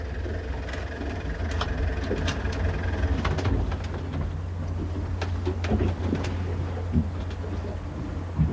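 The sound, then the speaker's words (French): A motorboat engine drones steadily, a deep continuous rumble with scattered metallic clanks and knocks over it, and no one speaking. “Vous voulez qu'on souple le moteur, là?”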